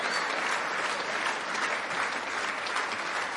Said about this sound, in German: Jetzt seid ihr erschöpft, ne? Das ist ganz schön heiß, so zu klatschen, so ganz so lange.